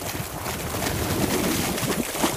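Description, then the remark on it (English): Hot spring water surging up from deep in the earth bubbles and churns steadily, a dense, continuous gurgling wash with small irregular pops and surges throughout, and no voices. “For now, the water continues to bubble, surging forward from somewhere unseen and deep in the earth.”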